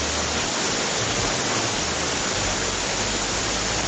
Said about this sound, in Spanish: En estos momentos en Sullán tiran el agua con balde, escuchen.